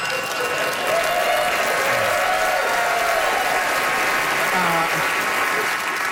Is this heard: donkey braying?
no